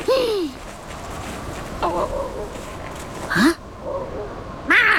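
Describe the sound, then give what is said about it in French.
A cat higher up on a mountain yowls four times in drawn-out, wavering cries with rising and falling pitch, spaced a second or more apart, fairly loud over a steady noisy background. “C'est quoi ça encore? La chatte ouvre grand les yeux et fixe un point plus haut dans la montagne. C'est un autre chat.”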